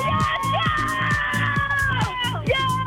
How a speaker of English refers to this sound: All right, you're going to have to scream really loud and get real crazy. Otherwise, I'm not going to get excited enough to want to play it.